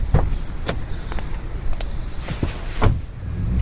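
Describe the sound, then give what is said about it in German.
The door of a black hybrid car clunks and rattles shut with a few sharp knocks, over a steady low engine rumble as the car pulls away. Nobody speaks. “Das Auto fuhr los und Jakob starrte die Frau an.”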